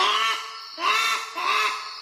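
A brush turkey, a native bird, calls loudly with three rasping, honking notes in steady succession, each a harsh duck-like squawk with no voices around it.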